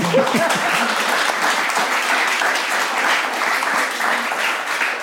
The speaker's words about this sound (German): ja, gerne, Applaus.